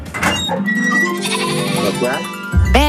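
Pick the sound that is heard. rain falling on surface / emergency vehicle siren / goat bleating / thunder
goat bleating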